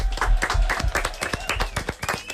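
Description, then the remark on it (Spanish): An audience claps together in a steady burst of applause, many sharp overlapping claps at a brisk, uneven rhythm, fairly loud throughout with faint voices mixed in. “Aplaudimiento.”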